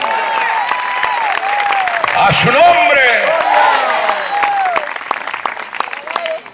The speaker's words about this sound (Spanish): Para él ese aplauso fuerte.